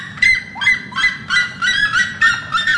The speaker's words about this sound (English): The other is the red-legged seriema. The seriemas sing in duets, kind of like an old couple yelling at each other in Walmart.